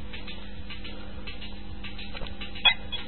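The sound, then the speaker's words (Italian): A small plastic children's toy mobile phone, found on the street, is handled, with faint rustling and a few soft clicks of buttons being pressed, the last ones near the end. No one speaks. “Ah, questo è un cellulare giocattolo che ho trovato per strada.”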